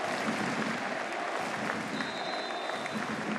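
A large stadium crowd applauds steadily in memory of Arik Roeh, with the Paris Saint-Germain players and Luis Enrique taking part, a dense, continuous wash of clapping with no pauses, sustained at an even loudness throughout.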